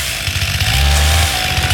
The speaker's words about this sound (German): Dann nochmal die Kettensäge.